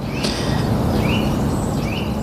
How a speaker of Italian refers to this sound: Questo che canta, che si sente bene, invece è il picchio muratore.